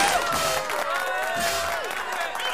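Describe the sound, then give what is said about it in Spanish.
An audience breaks into steady, loud applause mixed with cheering and shouts, a dense wash of clapping that holds at an even level for a couple of seconds. “Muy bien, un aplauso.”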